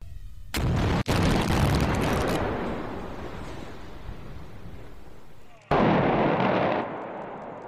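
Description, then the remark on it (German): A loud explosive demolition blast of a valley bridge on the A45 motorway in the Sauerland, set off in the morning with 160 kilograms of explosives, booms out, followed by a long, rolling rumble of collapsing structure that slowly fades, then another sudden burst of loud, broad noise near the end. “Zuerst zur Brückensprengung an der A45 heute Morgen. 160 Kilo Sprengstoff.”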